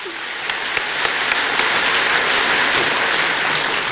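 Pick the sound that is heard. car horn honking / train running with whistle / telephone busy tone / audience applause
audience applause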